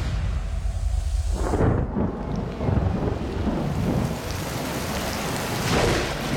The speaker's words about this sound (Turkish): Yağmur geliyor. Evet, bir de doğayla mücadele etmek gerekiyor. Başladık bile.